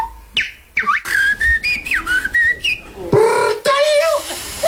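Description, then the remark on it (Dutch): A person whistles in quick, warbling bird-like phrases, with rising chirps, sliding trills and short pauses, imitating birdsong fairly loudly; an artistic whistler at the Dutch national bird-whistling championship, held in a park in Utrecht in the evening. “En in een park in Utrecht kwamen kunstfluiters gisteravond bijeen voor het Nederlands kampioenschap vogelfluiten.”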